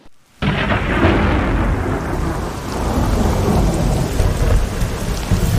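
A thunderstorm bursts in after a brief quiet moment, with heavy rain hissing steadily and deep rumbling thunder rolling underneath, loud and continuous throughout with no voices.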